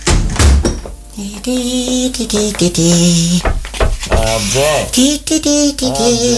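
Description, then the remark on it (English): A door shuts with a dull thunk right at the start, followed by voices talking over a busy background for the rest of the moment. “I've only closed the door”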